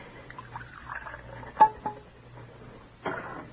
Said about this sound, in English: I've got to keep steady. Pour out his cocoa.